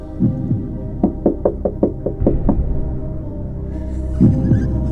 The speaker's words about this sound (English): Okay, door knock number two.